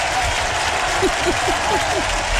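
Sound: audience applause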